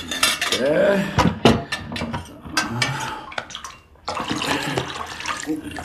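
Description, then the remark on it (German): Clinking of glass or ceramic vessels as a container of water is handled, with sharp repeated taps and clatters, a brief watery slosh, and a steady run of splashing water after a short pause. “gib mir den Behälter mit dem Wasser da.”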